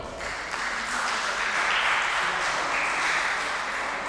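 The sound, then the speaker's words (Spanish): A crowd applauds steadily for about four seconds, a dense, even wash of many hands clapping at a constant loudness, with no clear voices standing out. “Un aplauso.”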